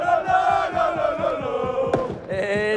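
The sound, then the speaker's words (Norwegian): A large street crowd on Busgaden in Aarhus celebrates the Danish football championship loudly, four hours into the party, voices chanting and singing together in a sustained roar, with rhythmic stamping or clapping beats underneath and a sharp bang partway through. “Altså, festen den startede klokken 8, og nu har den varet i 4 timer hernede ved busgaden, hvor der er, lige nu står et jazzband og spiller med på skolesangen.”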